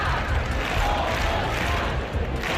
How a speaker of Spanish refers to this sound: Un grito de Somos Más, unas 2.500 personas, según la policía, han abarrotado la plaza del Ayuntamiento de Oviedo para exigir la dimisión del alcalde y para responsabilizar a Vox del clima de odio que propició la agresión